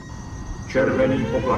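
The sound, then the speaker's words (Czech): A ship's onboard alarm starts partway through and holds a steady, fairly loud electronic tone with bright overtones, over a low background rumble. “To nejsou jejich signály. To je normální palubní poplach.”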